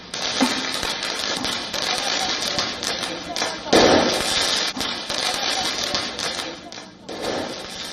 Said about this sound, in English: But in the past few days, the anger has escalated with more and more youngsters coming out on the streets. Many protesters were also seen using firecrackers.